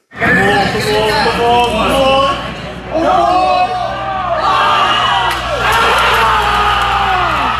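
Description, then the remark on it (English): A dense crowd of New York Knicks fans screams and yells continuously at JFK Airport Terminal 8 after the Knicks' NBA Finals comeback win over the San Antonio Spurs, with rising whoops and bellowing voices overlapping loudly and echoing, swelling in bursts throughout. “The screaming.”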